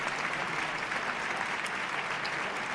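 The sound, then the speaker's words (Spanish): A crowd's ovation for the band at a bullring: dense, sustained applause with many hands clapping at once, holding a steady, fairly loud level throughout, with no voices standing out. “Otra ovación a la banda más cordeña, otra ovación.”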